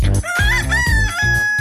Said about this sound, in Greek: Από το πρωί τους ακούν και τα κοκόρια.